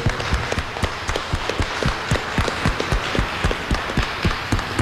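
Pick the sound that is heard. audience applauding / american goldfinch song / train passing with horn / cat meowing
audience applauding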